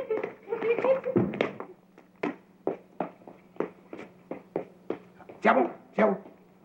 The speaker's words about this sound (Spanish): Oye, Kiko, ¿qué tal si jugamos con tu perrito?